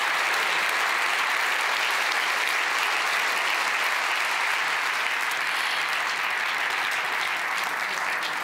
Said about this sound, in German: Einen ganz, ganz großen Applaus und herzlichen Glückwunsch. Feiert euch als ganzes Team, unsere Podcast-Siegerinnen und Sieger.